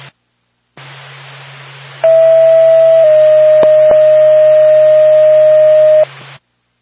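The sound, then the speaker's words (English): Dispatch alert tones for Lancaster Ambulance over radio static: a steady tone holds about a second, then drops to a slightly lower tone for about three seconds, with two sharp clicks midway. “Or back to Lancaster Ambulance, stand by for tone.”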